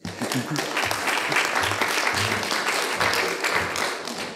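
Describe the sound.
An audience at a community station event applauds warmly for about four seconds to welcome a speaker, a dense, steady patter of many hands clapping at even loudness, with a few voices murmuring underneath.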